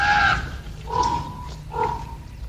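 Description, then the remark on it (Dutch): Young ravens screech three times in the Groesbeek forest, each call a harsh, raspy cry with a strained tonal edge, loud and alone over a low background rumble. “En dat gekrijs is van de jongen.”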